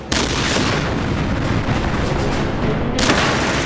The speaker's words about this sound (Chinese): 停！用穿甲弹，开火！德军的坦克对我们构成了沉重打击。但是被我们的炮弹击中后，这辆德国坦克爆炸了。